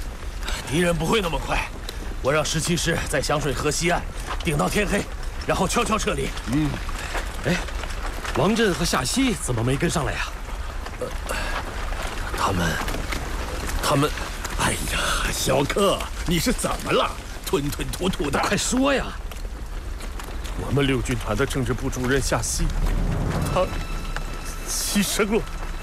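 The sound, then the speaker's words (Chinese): Steady rain hisses continuously in the background while several people talk over it, the downpour holding an even, moderate level throughout, falling on a group of people withdrawing on foot just after leaving Bijie. “知道我们要撤离了，下一场雨来掩护我们的行动，是不是啊？”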